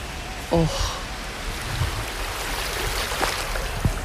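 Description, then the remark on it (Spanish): Sea waves lap gently at the shore of La Caleta, a beach 450 metres long, in a steady, hissing wash of water at the water's edge, with a brief voice fragment near the start and a few small splashes. “Me voy a intentar acercar a la orilla para que podáis escuchar el mar desde Madrid.”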